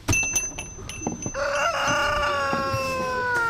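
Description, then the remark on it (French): About a dozen large, unafraid hens cluck as they surround the listener and come toward them, with a rooster crowing loudly over them in a long, drawn-out call, set against scattered short clucks and farmyard shuffling. “On est carrément entouré par une dizaine d'énormes poules maintenant qui viennent vers nous.”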